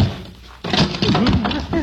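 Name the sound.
someone stumbling on steps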